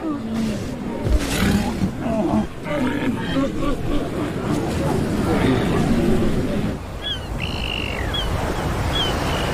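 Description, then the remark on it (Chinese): A herd of hundreds of thousands of Pacific walruses, nearly the entire population on Earth gathered in one place, grunts and roars in a dense, continuous low bellowing chorus. A few thin, high bird-like calls cut through in the last couple of seconds. “它们体型庞大，雄性海象的体重超过1吨。许多海象会丧生于相互踩踏。”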